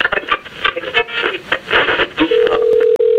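A mobile phone is dialed, with a flurry of rapid clicks and beeps, then a steady mid-pitched ringing tone sounds for about a second with one brief break.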